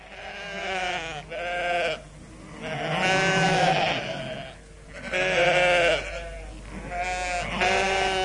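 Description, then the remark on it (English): A flock of sheep huddled in a corner of a sheep dip bleats in an anxious, overlapping chorus, one wavering call running into the next. The bleats are loud, with no gaps of quiet between them. “The sheep were huddled in a corner, a chorus of worried bleats proceeding from expressionless faces.”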